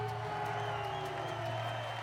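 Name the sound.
crowd cheering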